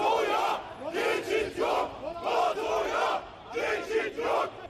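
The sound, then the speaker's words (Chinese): A large crowd of anti-NATO protesters in the street in Ankara, Turkey, chants the slogan "NATO, no way through" in unison, loud rhythmic phrases rising and falling in four or five bursts with short pauses between, over a steady murmur from the street. “在首都安卡拉，大批示威者走上街头，高举反北约标语，并高喊北约此路不通的口号。”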